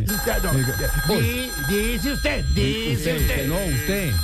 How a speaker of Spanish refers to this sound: Un momentico. Conteste ahí, afanador, por favor. Suena duro el teléfono, mano.